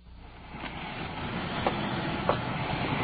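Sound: freight train passing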